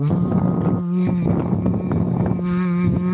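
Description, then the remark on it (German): A steady hummed tone buzzes through gurgling bubbles, hummed through a thick hose into a plastic bottle filled one third with tap water, a continuous low drone with bubbly rattling texture and brief pauses, fairly loud and alone without talk. “ist einfach nur eine Plastikflasche mit einem dicken Schlauch drinne und man macht die Flasche ein Drittel mit Leitungswasser voll und dann blubbert man hinein, aber in summender Art und Weise, das hört sich dann ungefähr so an.”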